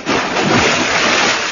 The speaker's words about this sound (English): Oh, listen. This water is genuine, and any copy of it will be confiscated. Remember, only genuine water makes this sound.